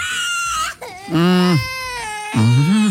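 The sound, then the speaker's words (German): A toddler screams and wails loudly in three strained, high-pitched bursts separated by brief gasping pauses, on an airplane shortly before takeoff. “Ich habe neulich auch erst gelernt, dass die im Flieger gerne mal schreien, um den Druck im Ohr auszugleichen.”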